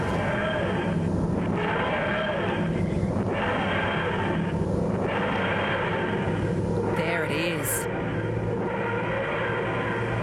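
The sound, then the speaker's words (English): A key scraped along a piano string makes a loud, continuous metallic roar with a low rumbling hum and wavering, ringing overtones, the technique used to make the TARDIS sound effect in Doctor Who. A voice briefly speaks over it. “A key scraping a piano string to make that sound.”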